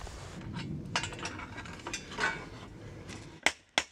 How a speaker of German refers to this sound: will nur noch seine Sense dengeln.